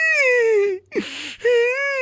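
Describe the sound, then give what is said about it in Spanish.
A child wails in two long, sustained cries separated by a brief, shaky breath, loud, with a whimpering, quavering tone, as part of a joke on Olímpica radio. “El niño llorando.”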